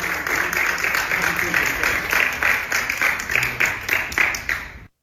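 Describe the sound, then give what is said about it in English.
The gallery applauds steadily for about five seconds, a dense patter of many hands clapping with a murmur of voices underneath, then it cuts off abruptly. “So there you have it, the gallery applauding.”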